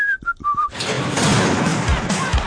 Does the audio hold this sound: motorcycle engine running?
no